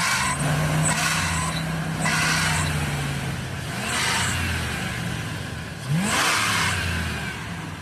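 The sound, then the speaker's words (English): A van engine idles loudly, then revs sharply a couple of times, its pitch climbing and falling with a steady whine underneath and bursts of hissing noise. “So it's when the engine's really rev?”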